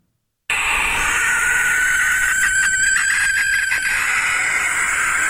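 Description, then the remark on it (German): A barn owl's shrill, raspy screech starts abruptly and holds as one long, harsh, hissing scream for nearly five seconds, loud and steady with no talking. “Es gibt ein Schlusslicht im Ranking der vorgespielten Vogelstimmen, und zwar ist es die Schleiereule, die ein sehr schrilles Kreischen hat, und das klingt dann am Ende ungefähr so.”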